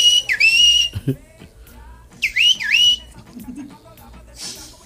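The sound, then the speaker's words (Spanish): Two loud bursts of human whistling with rising and swooping pitch, separated by a short pause, imitating the chirp of a whistle-activated keychain like those vendors sold on buses, with faint murmuring underneath. “Cuando yo venía del instituto se subían, vendían llaveros. El pasito en la caja. Tipo silbado.”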